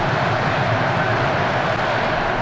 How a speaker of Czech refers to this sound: USA, USA ozývá se stadionem.